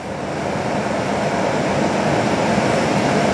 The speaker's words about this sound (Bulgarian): Ето така изглеждат най-новите мотриси на столичното метро. Ние се намираме в една от общо 8-те. 7 вече са у нас.